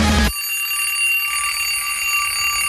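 A school bell rings loudly and continuously with a bright, steady metallic tone, starting right after a short burst of noise and holding for the rest of the moment.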